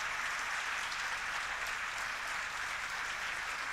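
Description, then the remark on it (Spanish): Steady, sustained applause from a crowd for the workers who built it, a dense wash of clapping hands that holds at an even level throughout with no voices standing out. “Un aplauso grande a los obreros, trabajadores que hicieron esto.”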